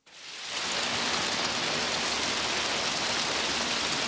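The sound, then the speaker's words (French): Steady rain falls, a dense, continuous patter of drops that swells in within the first half second and then holds at an even, fairly loud level with no voices. “Et elle chercha dans le jardin tous les endroits où les gouttes de pluie tombaient le plus fort.”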